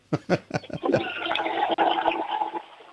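A toilet flushes: a few clunks and splashes, then a loud, steady rush of water that runs for a couple of seconds before tapering off; flushed by a child for a sound game on an Austrian radio show.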